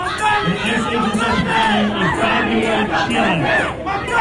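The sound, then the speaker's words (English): A crowd chants and shouts together, 'Mom Donnie was complicit', many voices overlapping into one loud, continuous roar with rising and falling pitch, steady for the whole stretch without a break. “They're chanting, Mom Donnie was complicit.”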